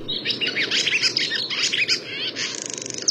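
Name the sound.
barn swallow twittering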